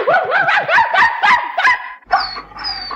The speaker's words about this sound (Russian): Славный пес, честное слово. Главное, порода хорошая. Типичная среднерусская дворняжка.